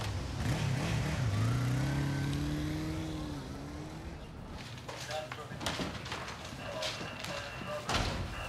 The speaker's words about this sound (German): Das gibt's doch nicht. Ein roter Sportwagen? Das ist ein Spider. Ist doch nicht ihr Auto.